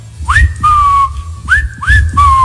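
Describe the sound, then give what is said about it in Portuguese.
A person whistles a tune imitating their pet cockatiel: a quick upward swoop into a high held note, then a lower sustained tone, repeated twice, clear and fairly loud over a low background rumble. “a minha calopsita é aquela que o dia inteiro a vizinhança já tá assim, mas o passarinho que gosta da Itatiaia, ele faz assim, eu vou gravar depois e mostrar que a turma acha que é mentira minha, ele faz assim, ó.”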